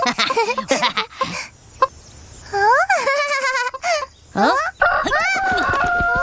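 A rooster nicknamed Big Loudspeaker (大喇叭) crows loudly, its strained, wavering cock-a-doodle-doo repeating a couple of times between bursts of squawking and clucking; its call carries across the whole village.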